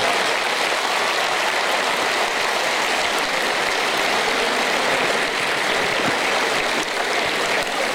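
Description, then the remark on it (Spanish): Loud, sustained audience applause, a dense wash of many hands clapping at once that holds steady from start to finish with no voices breaking through; applause in honor of the speaker's late father. “Fuerte, fuerte el aplauso. Para él.”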